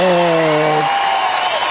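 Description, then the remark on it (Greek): Steady applause for the show's technical support at the 102 ERT3 radio studio washes through the whole clip, a dense crackle of clapping, while a held, tonal note sounds over it for the first half and then drops away. “Ρίξε το χειροκρότημα”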